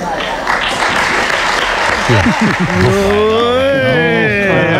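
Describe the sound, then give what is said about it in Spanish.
Halfhearted applause from a group rises briefly and then thins out as someone starts speaking over the fading claps. “Aquí también ha habido aplauso desganado.”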